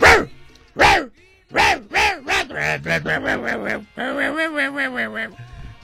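A dog barks loudly, a few sharp barks followed by a quick run of high-pitched yaps and a longer, wavering yelping stretch.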